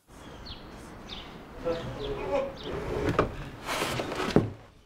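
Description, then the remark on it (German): An old, loose wooden door of a former wool spinning mill in Bad Segeberg, being restored, is shifted back and forth, giving a series of short creaks, then rattling knocks and scraping as it wobbles in its frame. “Der Zahn der Zeit hat an dieser Tür genagt. Hier, das ist Lose.”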